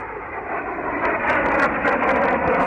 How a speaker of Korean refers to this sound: 비행기는 쌩 하고 곧장 동쪽으로 날아갔다. 폭탄을 던지지도 않고 빙빙 돌며 정찰을 하지도 않았다.